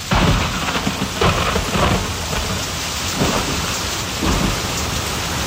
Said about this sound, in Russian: Ой, а что это птички замолчали? И что это зашумело? Так это же дождь пошел!